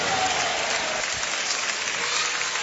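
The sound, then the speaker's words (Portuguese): A church audience claps together to welcome the preacher and give glory to God, a dense, steady burst of applause that holds at an even, loud level throughout, a continuous patter of many hands with no clear voices standing out. “Palmas e glória, palmas e glória.”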